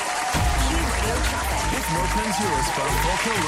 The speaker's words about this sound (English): She hasn't left her name on here, but happy birthday to you. We'll give you a cheer.